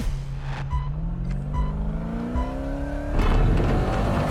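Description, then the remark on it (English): A Pro 4 off-road race truck's engine drones and climbs steadily in pitch as it accelerates, then bursts into a louder, rougher roar with gravelly rumble near the end. No one speaks. “Andrew's Pro 4 truck has the greatest suspension out of the four cars.”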